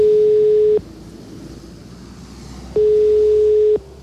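A telephone ringing tone over a line during a call to the director general of Cleaning and Waste Services of Madrid City Council: two steady, loud single-pitch beeps, each lasting about a second with a pause between, set against a constant hiss of background noise.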